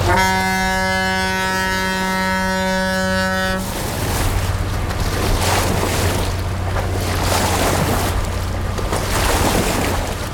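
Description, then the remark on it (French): A large barge passes, making big waves: a long, loud horn blast first, then a steady low engine drone under heavy rushing and churning water from its wake. “Et il y a aussi des monstres beaucoup plus conséquents qui passent et qui font des grosses vagues.”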